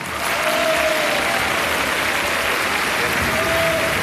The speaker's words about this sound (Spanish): Escuchamos el aplauso del Salón de Honor a medida que el presidente de la República, José Antonio Kast, entra en su día 82 de mandato al Salón de Honor en la primera cuenta pública presidencial de su periodo.